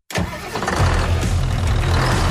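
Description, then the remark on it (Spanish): A New Holland tractor engine turns over and catches, then settles into a loud, steady, deep rumble, with no voices over it. “Si buscas un tractor fuerte, eficiente y listo para cualquier terreno, elige New Holland.”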